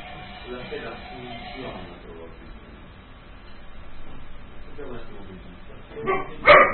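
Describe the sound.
Muffled voices murmur in the background, then a dog lets out two sharp, loud barks near the end.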